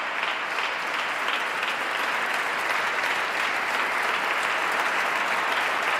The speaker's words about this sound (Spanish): Paolo Pinamonti, el director del festival, también aplaude entusiasmado al compositor.